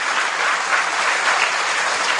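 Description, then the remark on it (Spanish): A dense, steady wash of audience applause for a father who has come up to hug his two children, many hands clapping at once without pause, fairly loud, filling the whole moment with no voices standing out. “Ah, miren qué bonito ese papá, a los dos hijos, miren qué bonito, se vino para abrazarlos, aplauso, qué bonito, ya voy a llorar.”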